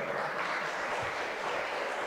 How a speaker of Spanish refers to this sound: ¿Cuántos aquí somos libres porque Cristo nos hizo libres? ¿Cuánto le damos ese fuerte aplauso?